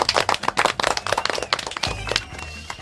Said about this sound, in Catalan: Vinga, fort aplaudiment.